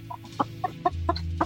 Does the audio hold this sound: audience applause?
no